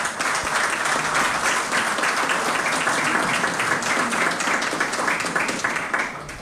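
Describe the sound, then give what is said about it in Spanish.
A crowd applauds the incoming board of directors of AER Tungurahua, a dense wash of many hands clapping at a constant, fairly loud level for several seconds with no voices standing out. “Un gran aplauso para el directorio que entra en funciones.”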